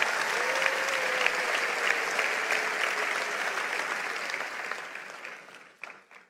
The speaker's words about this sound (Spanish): Vamos, si lo crees, dale un aplauso al Señor.